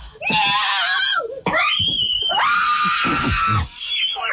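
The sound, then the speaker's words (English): Several people in a family scream in panic after the family dog brought a live armadillo into the house. The loud, shrill, sustained cries rise and overlap in three or four long bursts with barely a pause between them. “Why is this family screaming like this?”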